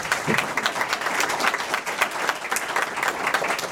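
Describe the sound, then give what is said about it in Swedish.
An audience applauds steadily, a dense wash of many hands clapping at once, sustained at even loudness throughout with no voices standing out. “Tack, där var den minuten slut och jag tycker vi ger alla en applåd.”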